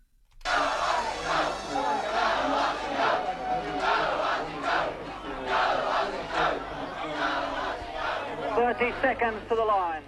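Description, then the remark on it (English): A large crowd, including Prime Minister Bob Hawke, cheers and roars wildly at the Royal Perth Yacht Club in the early hours of September 26th, a dense, sustained wall of shouting and whooping voices that swells and surges for about ten seconds with no pause. “It was still the 25th in America, 25th of September, but it was in the early hours of September 26th when the crowd and Prime Minister Bob Hawke went wild at the Royal Perth Yacht Club.”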